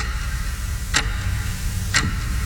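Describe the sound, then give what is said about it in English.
Two crisp clock ticks land exactly one second apart, sharp, over a low, steady background hum with no voices. “That sound, it's not a clock. It's how long you've been thinking about updating your kitchen.”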